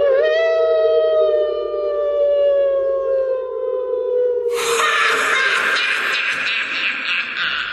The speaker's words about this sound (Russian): Хотел Минька закричать, и раздался протяжный вой.